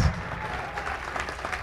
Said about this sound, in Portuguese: Oh, glória, vamos aplaudir mais.